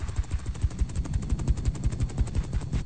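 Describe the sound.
A voice imitates a helicopter with a fast, steady, low chopping flutter of rapid pulses that stays even in loudness for about three seconds, with no talking over it.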